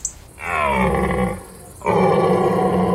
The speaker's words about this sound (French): On a un grand cerf avec une belle voix. Voilà, on dirait un fauve, hein, oui, félin. C'est très impressionnant.